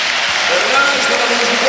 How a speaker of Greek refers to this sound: Εισπράττει σαφώς το χειροκρότημα.